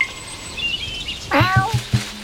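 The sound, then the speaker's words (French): A cat meows several times in quick succession, short, fairly loud cries, in a garden, following a moment of faint bird chirping in the background. “Les chats courent.”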